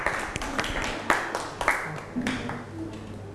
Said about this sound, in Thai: ปรบมือให้กลุ่มหนึ่งค่ะ